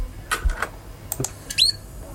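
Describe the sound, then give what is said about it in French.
A few short, simple bird calls with no talking: scattered sharp, high chips, then one brief, clear upward-sweeping chirp near the end, all fairly soft. “Ça, vous avez des cris simples.”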